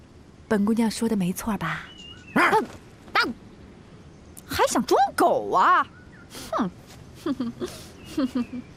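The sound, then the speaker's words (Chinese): A person imitates a dog with a string of yelping barks and whiny, pitch-bending howls in irregular bursts, loud, with no other sounds around them. “当，还想装狗啊？”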